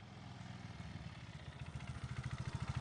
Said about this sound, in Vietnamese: Từng là một thanh niên hay thích chạy xe độ pô có tiếng nổ lớn gây ồn ào.